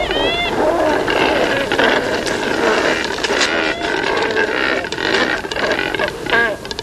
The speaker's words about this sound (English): Cormorants don't spend most of their time looking for food, though. They catch their prey efficiently letting them spend most of their day loafing around, drying their feathers in the sun, and croaking at their neighbors.